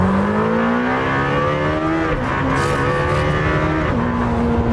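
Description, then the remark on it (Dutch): A Lamborghini Temerario sports car engine, being tested, revs loudly and steadily, its pitch climbing through gear changes with brief dips between them, a continuous roar with no voices. “En Wouter test de Lamborghini Temerario.”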